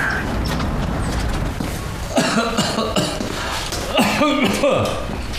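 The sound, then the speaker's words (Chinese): A person coughs in two short fits, each a run of several harsh, throaty bursts, over a steady background hiss. “那又咳嗽了”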